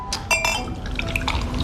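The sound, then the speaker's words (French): A fizzy drink is poured into a glass, with a steady liquid rush, bright clinks and crackling bubbles fizzing throughout the short moment. “Des bulles pour les globules, ma chérie.”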